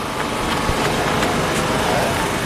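Power generators at Spin Time, supplying electricity and turning fan blades, run in a loud, unbroken droning rumble with a dense hiss layered on top, steady throughout with only faint clicks and flutters breaking the constant noise.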